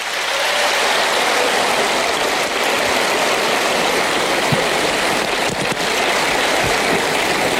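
A large audience applauds loudly and steadily, a dense crackling wash of many hands clapping that holds at full strength for several seconds with no voices over it.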